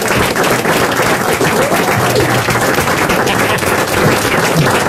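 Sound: audience applause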